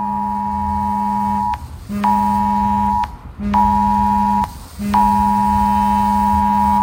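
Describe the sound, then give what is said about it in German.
A smartphone Cell Broadcast emergency alert tone blares in four long, harsh buzzing blasts separated by brief gaps, loud, with no voices or other sounds; a test warning activated by the interior ministry in Middle Franconia. “Und das Innenministerium hat per Cell Broadcast auf unseren Smartphones Warnmeldungen aktiviert.”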